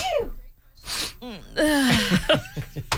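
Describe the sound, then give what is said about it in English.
A sharp, breathy sneeze bursts out after a quick intake of air, surrounded by whiny, gasping vocal sounds and short snorts. “Mad at me for recording your sneeze.”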